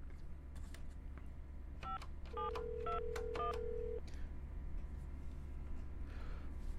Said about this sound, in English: All right, let me turn that down for a second and dial her number.